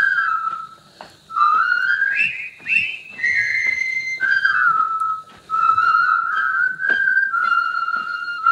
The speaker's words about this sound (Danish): Det her, det er blandt andet lyden af min barndom. Mm. Det er fløjte... scenen fra floden eller broen over floden Kwai, som er en gammel film fra 57 med Alec Guinness i hovedrollen, som handler om de her stoiske britiske tilfangetagende soldater